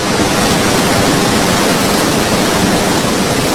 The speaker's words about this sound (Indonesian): Derasnya air Sungai Serayu terdengar tidak jauh dari Waduk Merica, Banjarnegara yang mempunyai luas 1.250 hektar.